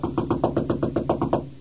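Rapid, steady knocking on a door, about nine firm raps in quick even succession, fairly loud with no voices.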